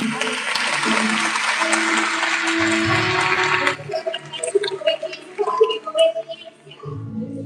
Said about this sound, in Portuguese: Palmas para Jesus.